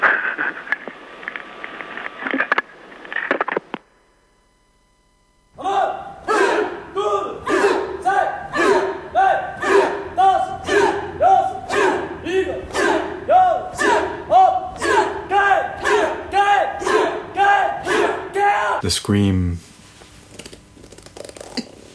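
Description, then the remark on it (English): A harsh, sustained scream cuts off into a short silence, then a long run of loud, rhythmic shouted yells repeats about twice a second, like a group crying out in unison, before ending abruptly. “The scream.”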